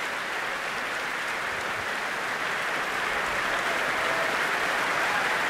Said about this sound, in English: The … back on stage, bowing deeply together. Their elegantly tailored blue suits, their thick blonde hair, they turn to applaud the orchestra.